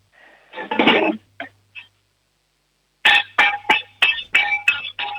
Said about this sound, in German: Oh, das wird schon mal ein Kochtopf gewesen sein. Jetzt brauchen wir noch einen Löffel.